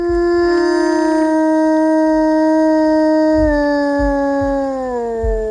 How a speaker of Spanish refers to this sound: El aullido del lobo, el que escuchamos, un aullido real, un aullido llamando a su familia, este lobo.